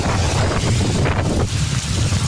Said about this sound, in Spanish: Hola, corre viento. Viento. Y mira, esta es la salida. Viento, salida. Mucha lluvia. Granizo, ¿no? ¡Ay, qué pedo fuerte los granizos! Completamente inundado la salida de su trabajo ahí.